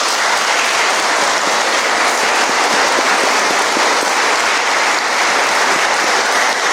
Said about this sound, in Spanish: Vamos a darles un fuerte aplauso.